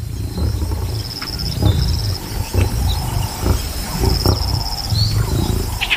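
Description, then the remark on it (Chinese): A lion, surrounded by deepening marsh, roars in a series of deep, rumbling grunts that pulse at a steady rhythm, while insects chirp continuously in the background outdoors. “狮子眼睁睁地看着猎物转移到安全地带，而自己周围的沼泽却越来越深。”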